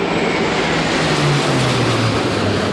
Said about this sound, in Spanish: Por aire, tres cazas F-18 y dos aviones A-400 de la base aérea de Zaragoza han sobrevolado este mediodía la plaza, llegando por la calle Alfonso.